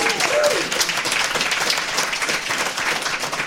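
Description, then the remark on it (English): The audience at Linux Fest bursts into sustained applause for themselves and for listeners at home, dense overlapping clapping that stays loud and steady throughout, with a brief cheer or whoop rising over it near the start. “So everybody in the room, give the listeners back at home a big hello and a round of applause for yourselves and for them.”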